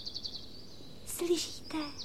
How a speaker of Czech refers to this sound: Slyšíte toho ptáčka, jak krásně zpívá, vidíte? Taky bych to chtěla umět.